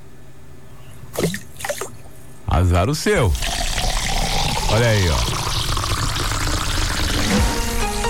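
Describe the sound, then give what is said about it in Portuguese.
After a few spoken words, a sudden loud gush of water is thrown onto someone who will not get up, pouring and splashing steadily for several seconds while a man keeps talking over it. “Vou te jogar água se você não levantar.”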